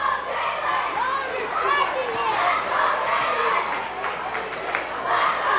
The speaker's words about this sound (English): All the kids chanting, "Let's go, Jalen."